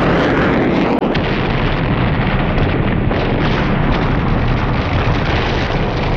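A sharp bang cracks out early, buried in a huge, continuous roaring explosion as a low-flying plane whose pilot lost control crashes, rumbling loud for several seconds, with no voices.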